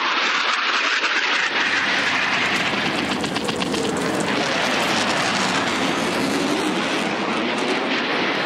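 A loud, steady roar of military aircraft engines, as military planes take off from airfields in Croatia, Bosnia and Herzegovina and Slovenia, fills the whole stretch, a dense rushing drone with no pauses and no voices over it.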